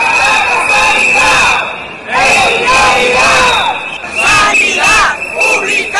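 Nearly 500 protesters from La Rioja Baja march in the rain through the streets of Logroño to defend the Hospital de Calahorra and public health care, chanting loudly in unison, their voices rising and falling in rhythmic bursts separated by short pauses, with a steady high whistle-like tone running underneath.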